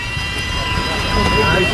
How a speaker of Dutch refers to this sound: En wat was je aan het doen? Ik was deze boot aan het polijsten.